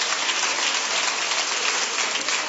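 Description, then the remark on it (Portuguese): An audience at an Igreja Deus de Amor church service claps for Jesus steadily, a dense, even wash of many hands with no pauses, sustained at a constant level for the whole stretch and no voices heard over it. “Palmas para Jesus.”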